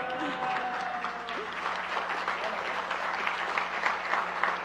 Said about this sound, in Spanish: Y bueno, el primer lugar, pues obviamente me llena de muchísimo orgullo y quiero que le aplaudan muy, muy fuerte porque es para el Noticiero Científico y Cultural Iberoamericano.